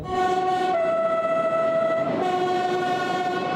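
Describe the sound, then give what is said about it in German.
A Corsican narrow-gauge train, nicknamed Utrinigellu (the trembling one), rumbles along the rails while its horn sounds one long, steady, loud blast that wavers briefly in pitch partway through, with no voices. “Ein korsischer Spitzname des Zuges lautet Utrinigellu, der Zitternde.”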